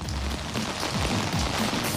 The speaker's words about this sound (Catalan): Que veig sota el paraigua i amb una pluja abundant, eh?